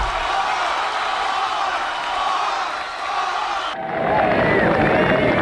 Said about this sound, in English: And I can tell from your applause he needs no further introduction.